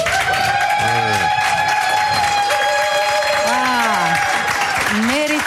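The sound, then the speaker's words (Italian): Sustained audience applause for a 17-year-old student fills the whole stretch at a steady, loud level, with a sung or held tone and sliding voices rising and falling over the clapping. “Applausi per questa 17enne, era 17enne ragazza, studentessa, quindi tutti meritati.”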